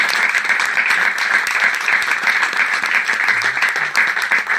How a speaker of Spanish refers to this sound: Bravo. Un aplauso para él.